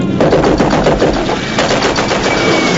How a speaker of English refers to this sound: Rascal fires from the ball turret.